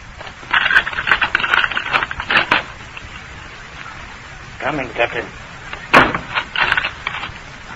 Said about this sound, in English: All right. I'll unlock the door.